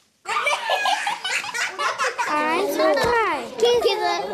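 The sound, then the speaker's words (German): A noisy crowd of young children in a preparatory junior class (Juniorklasse) classroom at the Vogelstangschule in Mannheim, Germany, many high voices shouting and chattering over each other, with bursts of excited laughter and squeals rising throughout. “Und dabei kann es auch mal ganz schön laut werden, habe ich gemerkt.”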